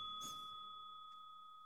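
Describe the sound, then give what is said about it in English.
A computer notification bell, triggered by pressing a button, dings once, a bright struck tone that rings out with a steady sustained tail, alone with no talking. “The fact that it works with two is and if I hit it again, extra odd. Bell.”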